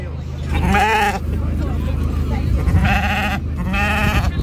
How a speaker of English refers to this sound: Well, we're here now at the sheep, and the sheep judging has just finished.